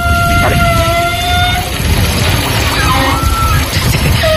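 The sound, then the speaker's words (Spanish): Wide shower pipes in a gym vibrate as hot water starts to run through them, giving a loud, horn-like droning tone that holds a steady pitch, fades, then returns with a slightly different note over a constant rush of running water. “Entonces cuando empieza a pasar el agua caliente, supongo que vibrará ahora algo del estilo y hace un sonido parecido.”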